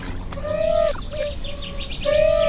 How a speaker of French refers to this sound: C'est génial puisque vous avez les oiseaux qui participent au son.